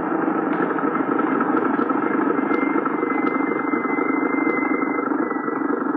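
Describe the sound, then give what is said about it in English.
An approaching car's engine runs with a steady, continuous mid-pitched rumble and hum, holding an even loudness throughout with faint higher whines over the drone and no voices. “Look, there, Papa. The car is coming.”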